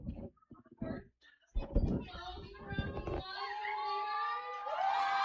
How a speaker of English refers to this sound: Oh, they're applauding the score, which is 26-8.